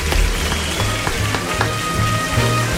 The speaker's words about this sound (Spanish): Un aplauso